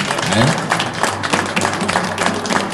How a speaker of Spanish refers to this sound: Yo creo que este hombre se merece un aplauso, ¿verdad? Yo creo que sí.